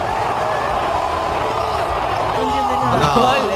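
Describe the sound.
A large crowd of Argentine football fans roars and cheers in celebration in a stadium as the match ends, a dense, steady wall of many shouting voices that stays loud throughout, with a few higher chanting tones rising near the end.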